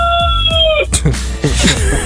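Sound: rooster crowing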